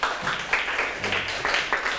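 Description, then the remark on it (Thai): A group of students who answered a question correctly clap for themselves, a dense, steady patter of many hands at moderate loudness that carries on without a break for about two seconds, with no voices over it. “ใครตอบถูกมาเลยเอาปรบมือให้ตนเอง”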